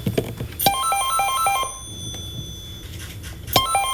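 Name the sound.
landline telephone ringing tone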